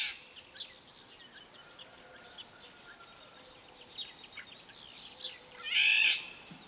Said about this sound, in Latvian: Un tad vēl vālodzē ir arī nesmukā balss, tāds aizsmacis brēciens.